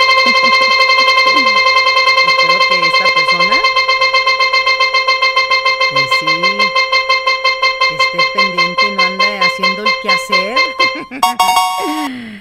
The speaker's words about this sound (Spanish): A ver, giramos nuevamente la ruleta. Vamos a ver quién se lo lleva.